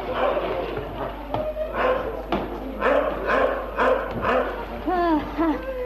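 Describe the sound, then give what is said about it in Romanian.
A dog named Dingo barks repeatedly in an uneven series of sharp barks, ending with a few higher, whining yelps. “Dingo a simțit prin preajmă proprietate. În orice caz, nu-i Negoro, căci ar lătra mai furios.”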